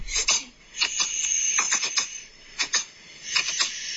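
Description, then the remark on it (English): A cat reverse sneezing, played back from a video taken to show the vet: a series of sharp, snorting gasps in quick pairs and clusters, repeating irregularly at a fairly loud level, with no talking over them. “apparently it's reverse sneezing”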